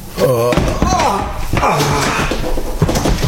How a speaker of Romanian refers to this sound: Am răsturnat un scaun din greșeală.